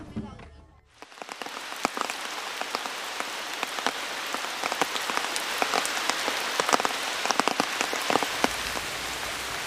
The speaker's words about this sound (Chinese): 这几天是天天一上工就下雨，这样的话太耽误这个工期了。 虽然考古队急于得到标志性的信息，但是天空却不作美。进入十月以来，由于台风卡努的影响，文山地区进入了连绵的雨季。